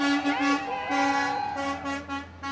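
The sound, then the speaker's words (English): Several loud horns blare in overlapping, repeated blasts, some long and some short, over a rumble of heavy engines as a long line of fire trucks rolls out of the Abajo Mountains past the west edge of Monticello in the evening. “For the last week, dozens of people here have been gathering every evening on the west edge of town when a long line of fire trucks roll out of the Abajo Mountains.”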